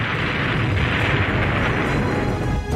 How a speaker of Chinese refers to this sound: 有一天行军途中，一架敌机突然俯冲下来，杨厚珍来不及躲避，一颗炸弹在他身边爆炸了，失去知觉的他倒在了血泊中。